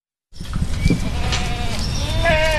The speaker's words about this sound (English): In a local backyard, 20 goats file into a trailer. They'd been there for 4 days, and the once green, overgrown forest of invasive species is now bare and filled with stripped branches and vines.